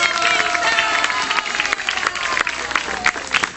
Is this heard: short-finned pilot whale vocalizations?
no